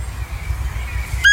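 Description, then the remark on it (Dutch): A single high, thin squeaking call from a female roe deer, known as fiepen, like a small whistle or toy squeaker, sounds clearly near the end after a stretch of quiet outdoor background hum. “Het mannetje blaft, het vrouwtje maakt dat geluid van een piepertje, alsof ze een piepertje heeft ingeslikt. En dat heet dan fiepen.”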